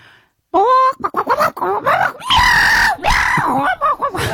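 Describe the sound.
A single voice imitates a chicken fighting a cat, loud, with a rapid burst of squawking clucks that rises into long, strained screeching yowls after a brief moment of silence.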